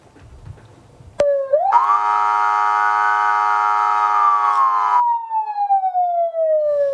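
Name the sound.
alarm siren sounding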